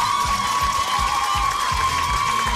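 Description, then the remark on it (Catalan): The audience of the Picalletres quiz show applauds and cheers steadily for the contestants, dense clapping with shouts and whoops layered over it, a sustained high tone running through, and low thumping beats underneath throughout. “Per tant, un altre aplaudiment per a aquestes concursants, sisplau.”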